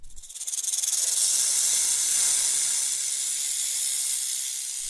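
A snake hisses in one long, steady breath, a sharp airy sound that swells in the first second and holds close and loud for several seconds with no voices.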